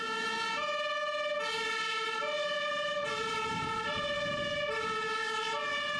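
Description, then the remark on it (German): A fire engine siren of the Grimma fire brigade, called out on an alarm, wails in a steady two-tone pattern, alternating between a lower and higher pitch roughly every second. It is loud and continuous, with a faint rumble of traffic underneath. “Die große Feuerwehr wurde alarmiert und musste ausrücken.”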